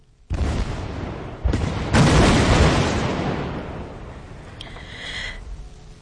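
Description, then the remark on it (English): A loud explosion in the River Danube in Romania, set off during drought to divert water to a nuclear power plant, erupts suddenly, followed within two seconds by two more surging blasts, then a long roaring rumble that slowly fades, with no voices. “there was the sound of an explosion in the River Danube in Romania in an attempt to divert water to a nuclear power plant to keep it working.”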